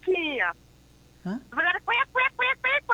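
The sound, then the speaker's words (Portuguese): A duck quacks loudly: one long drawn-out call, a short pause, then a quick rhythmic run of about six or seven nasal quacks. “Vai virar pato. Ah, vai virar um patinho, entendi.”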